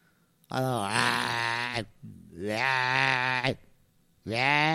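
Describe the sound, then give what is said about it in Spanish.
A ram bleats loudly, three long, wavering bleats separated by short pauses, the last one cut off at the end. “Pues carnero roncas, viejo.”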